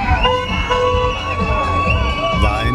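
A crowd of happy students celebrating in cars, cheering and shouting while the car horns toot repeatedly, the sustained horn tones running steadily under the loud, continuous festive babble.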